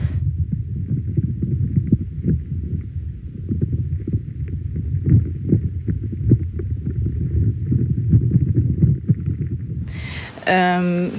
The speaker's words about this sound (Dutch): En nu hoor ik dus krakende geluiden. Wat zowel nog de boom kan zijn die water eigenlijk aan het opslorpen is. Maar het kunnen ook insectjes zijn.